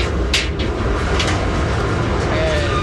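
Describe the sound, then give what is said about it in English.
A Navy industrial clothes dryer that holds about 100 pounds of laundry being opened: a couple of brief metallic clicks and clanks over a steady, loud low rumble of heavy machinery that continues throughout. “Right now I'm opening the dryer. This dryer holds about 100 pounds of laundry.”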